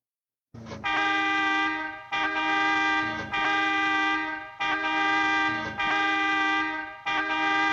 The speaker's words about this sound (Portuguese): Sabe por que essa buzina? Para avisar que vocês não estão separados. Para pararem de fofoca.